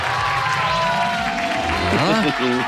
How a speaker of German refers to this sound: Da ist schon der Jubel.